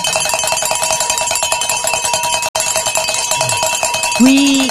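Bells clang continuously to celebrate hitting the goal for the last hour, a rapid, overlapping jangle of bright metallic tones that pauses for an instant midway. Near the end a voice lets out a rising whoop over the ringing.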